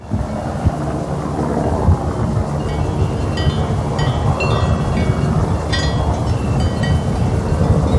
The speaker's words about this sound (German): Auf der Alp Farur ist es ruhig. Einzig der erwartete Heli von Swiss Helicopter zerreißt die Ruhe auf dem Berg. Für die Heli-Mannschaft steht der Transport von 15 Wassertanken auf über 2300 Meter Höhe auf dem Programm.